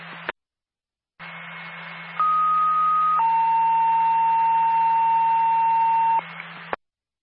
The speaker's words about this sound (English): Windward Ambulance personnel, stand by for a tone.